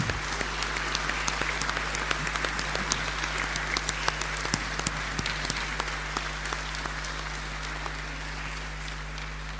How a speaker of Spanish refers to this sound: Le vamos a dar un aplauso de gratitud.